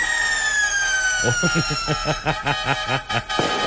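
A vehicle horn blares in one long, unbroken, bright tone that sags slightly in pitch, while rhythmic bursts of voices join in partway through.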